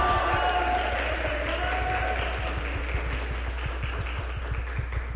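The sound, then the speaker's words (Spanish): An audience applauds steadily for about five seconds for a guitarist, many hands clapping in a dense, even wash of sound with no one speaking over it. “De igual manera, yo creo que es necesario otro aplauso muy fuerte para Rendón, quien nos acompaña, artista y guitarrista, por favor.”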